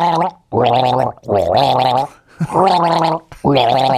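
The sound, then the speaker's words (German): Someone gargles a tune with water in the throat, a bubbling, pitched voice rising and falling through about five loud phrases separated by short breaths. “Ich gurgel dir ein Lied, pass auf, ein Schluck Wasser für mich.”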